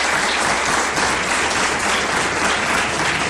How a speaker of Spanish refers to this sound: Un aplauso para Don Fran y el aeropuerto.